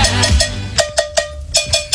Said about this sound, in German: Das liegt daran, weil er die Kuhglocke spielt. Nein. Willst du mal hören, wie die klingt?